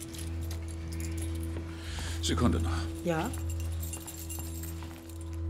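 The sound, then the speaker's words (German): A short jingle of keys rattles for a moment as a key is handed over, while a man and a woman exchange a few brief words over a low, steady background hum. “Geben Sie mir bitte noch den Schlüssel.”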